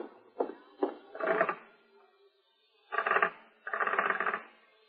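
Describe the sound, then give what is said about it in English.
A dead telephone in a hallway: the receiver is picked up with a couple of sharp clicks, then the hook is jiggled in several rattling, fairly loud bursts, with no voices. “The phone's dead.”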